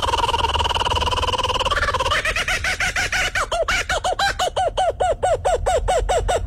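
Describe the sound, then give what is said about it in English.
A kookaburra's laughing call, loud: a drawn-out wavering hoot breaks into a fast, steady run of repeated cackling notes that carries on to the end, with no voices. “That crazy noise is coming from a bird called a kookaburra.”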